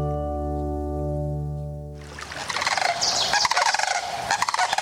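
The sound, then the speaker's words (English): A steady, humming harmonic tone gives way after two seconds to a loud, dense chorus of sandhill crane calls: many overlapping rattling, trumpeting cries from a large flock, with no one speaking. “During spring migration, sandhill cranes stop along the Platte River in Nebraska.”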